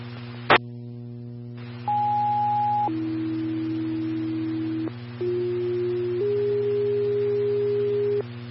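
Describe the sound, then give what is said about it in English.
Fire dispatch paging tones for Engine 1 and Medic 1 in Farmington, for a fall patient call: a brief high tone drops to a long lower tone, then after a short gap another pair of steady tones, all loud and clear over a low radio hum. “Engine 1, medic 1, standby for tone.”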